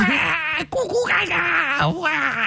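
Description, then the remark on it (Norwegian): An adult voice mimics a wailing baby, wavering and whimpering for a couple of seconds with a brief catch near the start. It's fairly loud, with nothing else heard. “vi har vært så heldige at vi har fått med oss babyen til … på.”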